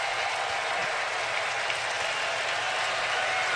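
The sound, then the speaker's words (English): A large stadium crowd in Atlanta, on its feet at a baseball game as pitcher Sale gets a swing and a miss from Realmuto for a 2-2 count, roars and applauds in a steady, dense wash of cheering that holds at full volume throughout, with no single voice standing out. “So the crowd on their feet again in Atlanta.”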